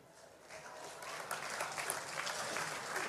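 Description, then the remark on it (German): Steady applause from a crowd welcoming Roland Donossa, regional manager of Brau Union Österreich, at a celebration; a dense crackle of many hands clapping at an even, moderately loud level throughout, with no voices standing out. “Einen kräftigen Applaus, weil ohne den hätten wir heute nichts zum Trinken.”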